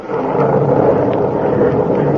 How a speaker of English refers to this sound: And God, the storm has answered.